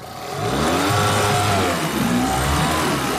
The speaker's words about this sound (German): ein vertrautes Geräusch. Der 8 PS-Motor mit Spezialgetriebe an seinem Floß.